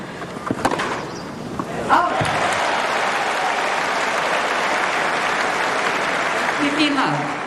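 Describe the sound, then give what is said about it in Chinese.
At a tennis match, a stadium crowd bursts into sustained applause and cheering for the player Feri after a few sharp ball or racket hits, the loud clapping rolling steadily on for several seconds with voices mixed in. “现场的观众也是在给费里加油鼓劲儿。”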